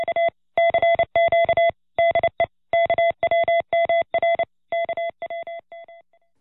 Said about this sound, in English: your transmitter wrangler, and I listen to KWMR whenever I'm not busy sending lusty salvos of Morse code out at the RCA station.